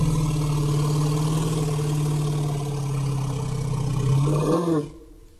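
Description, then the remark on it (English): An elephant's deep, steady 'let's go' call rumble drones for about five seconds, low and loud with a throaty, engine-like quality, rising slightly at the end before cutting off. No one speaks. “This is the let's go call, they call it.”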